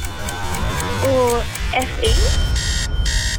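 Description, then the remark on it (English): A harsh game-show buzzer blares loudly near the end in a couple of rough bursts, marking an incorrect quiz answer, following a brief voice and some quieter pulsing buzzes earlier on. “No, she answered incorrectly on the buzzer.”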